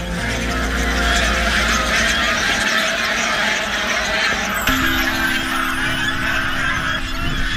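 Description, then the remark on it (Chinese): A flock of flying geese, hybrids of wild swan goose and domestic goose raised by a farmer, honks loudly and continuously, overlapping calls forming a dense, raucous chorus with no speech. “原来这种动物叫做象海飞蛾，是野生鸿雁和家鹅的杂交品种。”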